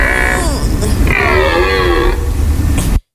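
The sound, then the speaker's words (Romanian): A human voice imitates a rutting stag's bellow: one long, loud groaning roar lasting about three seconds, its pitch rising and falling before it cuts off abruptly. “Da, deci dacă sunteți într-o zonă în care auziți sunetul acesta, nu vă fie teamă, sunt doar cerbii care se împerechează.”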